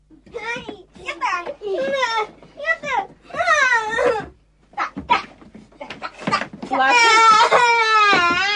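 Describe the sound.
Young children squabbling over a ball at home argue in high, agitated voices, their quarrel turning into loud, sustained crying and wailing near the end, unbroken.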